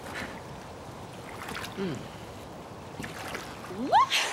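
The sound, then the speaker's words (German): A boat moves through water with a steady wash of splashing and sloshing, while faint voices break in briefly toward the end. “So, raus aus dem Boot!”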